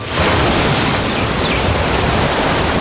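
Steady, loud rushing of ocean surf at the shore, a dense continuous wash of breaking water with no voices, holding at an even level throughout.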